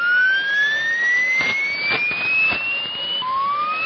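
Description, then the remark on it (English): A real HAARP transmission signal from Alaska, recorded by Steve Wingate within the past week. Thin, steady tones glide slowly upward over a dense bed of static hiss, broken by a few sharp crackling bursts, with a new rising tone starting near the end. “We talk a lot about it, but this is, I think, your first opportunity ever to actually hear the real McCoy.”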